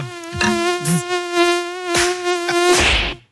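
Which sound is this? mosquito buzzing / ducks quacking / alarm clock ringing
mosquito buzzing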